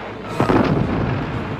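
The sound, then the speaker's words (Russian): A single deep boom of artillery fire from Ovchinnikov's gun bursts out, a broad low rumble that rolls on and slowly fades, with no voices present. “И соседи справа начали, и тапусские батареи, слышите?”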